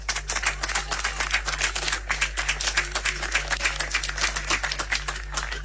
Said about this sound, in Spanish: Aplauso entonces a los sanderos y a las camareras que este año también han querido pasar a saludar a la Virgen del Carmen, su patrona, y quien es la que a ellos los mueve también como agrupación. Así que démosles un fuerte aplauso.